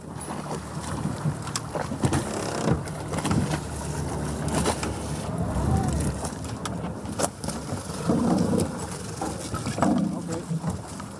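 An inflatable boat motors across open sea away from a freighter after officers board it for an inspection, its engine droning steadily beneath heavy wind buffeting and rushing water, with occasional louder surges of spray and hull noise.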